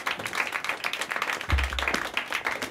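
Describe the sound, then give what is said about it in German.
A crowd applauds for the next performer taking the stage, with dense, rapid overlapping claps that hold steady throughout, plus a brief low thump partway through. “Jetzt einen fetten Applaus für meine Nachfolgerin”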